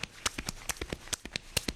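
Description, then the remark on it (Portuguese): Quick, rhythmic thumps of a horse striking its own chest; about a dozen hollow hits in under two seconds, fairly loud, with no talking. “Ele tá fazendo esse barulho batendo no próprio peito, gente.”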